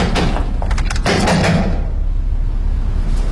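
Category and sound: household object, banging on a door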